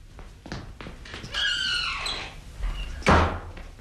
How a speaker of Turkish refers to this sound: Benim …, kapıyı açsana.